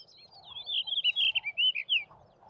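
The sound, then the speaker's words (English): A male blue rock thrush sings a rapid, warbling phrase of high, sweet notes for about two seconds, clear, with faint low background noise and no voices. “The blue rock thrush.”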